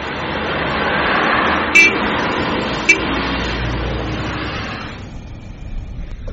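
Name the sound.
car driving past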